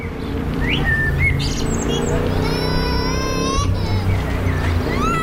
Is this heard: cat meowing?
no